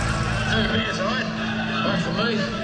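A completely restored truck engine runs loudly, its steady low throbbing rumble continuing without a break, with rough mechanical noise layered over the top.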